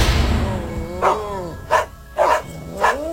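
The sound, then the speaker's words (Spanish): Dogs bark in a string of about four sharp, loud barks spaced roughly half a second apart, with no talking over them. “¡Otra vez esos malditos perros!”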